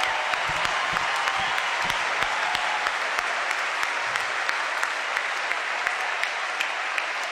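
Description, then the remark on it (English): Sustained applause from a sizable audience, given to the directors and counselors present tonight, a dense steady patter of many hands clapping at once, loud and continuous for several seconds with no voices standing out. “And some of the directors and counselors are here tonight, which I'd love to give them a huge round of applause.”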